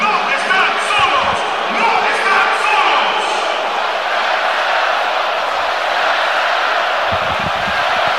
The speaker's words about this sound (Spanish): Y el estadio responde espectacularmente ante el aplauso del jefe Gianni Infantino, posicionado junto a Mikel Arriola en el palco de autoridades, el máximo jerarca de la FIFA, junto al máximo jerarca de nuestro fútbol, Mikel Arriola